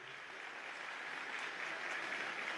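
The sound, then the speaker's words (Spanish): Steady applause from a crowd for Oscar Mariño, a dense crackle of many hands clapping at once that holds an even level throughout with no voices over it. “Aplausos para Oscar Mariño.”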